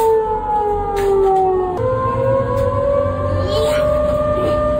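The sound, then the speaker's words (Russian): A loud civil defense air raid siren wails continuously, its steady tone dropping slightly partway through and then slowly rising again, with a low background rumble underneath. “Но даже если сирены сработали вовремя, человек все равно не знает, что ему делать.”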